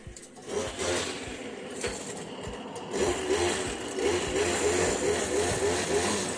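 A washing machine on its spin cycle: a steady, loud mechanical whir with a rapid low rumbling pulse that builds slightly partway through, heard on its own without voices.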